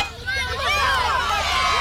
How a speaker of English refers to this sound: The crowd went wild.